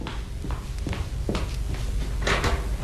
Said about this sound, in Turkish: Kapı mı o